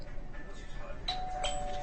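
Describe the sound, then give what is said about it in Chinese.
A two-tone electronic doorbell chimes once, a bright ding followed quickly by a dong, ringing out clearly over a low background hum. “开门去，开门去。”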